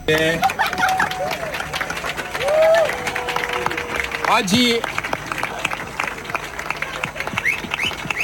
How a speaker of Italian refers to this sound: Poi gli applausi si fanno più forti, arriva Gregorio Paltrinieri, saluta la folla e si prepara anche lui a entrare in acqua.